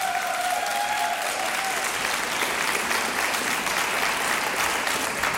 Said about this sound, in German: Frenetischen Applaus unserer Gäste hier im Saal.